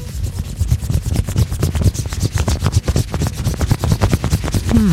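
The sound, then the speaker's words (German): A coin rubs and scrapes steadily across a hard surface, making a dense run of rapid gritty strokes with a rasping texture, loud and continuous for the whole stretch, with no talking. “Sagt uns einfach, an was wir hier mit einer Münze gerade robben.”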